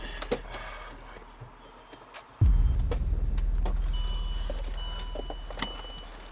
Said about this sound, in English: Your mom just parked her car.